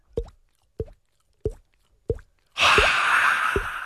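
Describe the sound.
A voice on stage imitates water dripping from a pipe with evenly spaced mouth plops, six in all, clear. The last two come under a sudden burst of loud, hissing noise.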